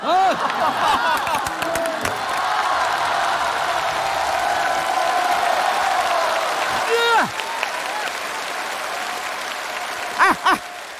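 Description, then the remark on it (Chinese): An audience bursts into sustained applause with cheering and whoops, a dense wash of clapping holding steady for about ten seconds, with brief louder shouts near the end. “按我这改，改完以后啊，掌声、笑声、欢呼声都有，你信不信？”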